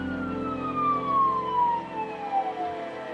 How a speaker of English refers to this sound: But the young officer hit his lights and turned on the siren.